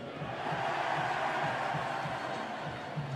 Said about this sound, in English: Crowd reacting to the scoreboard shot of a fan, an animated fan, and I give the fans credit. They're putting up with the steady rainfall.